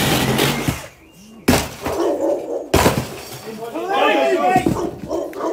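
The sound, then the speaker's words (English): A ripsaw tears loudly through the centre of a plastic front door in harsh, grinding bursts with sudden sharp cracks, as about 20 police officers break in to make an arrest, while frightened voices cry out over the noise. “A ripsaw tears through the centre of the plastic front door.”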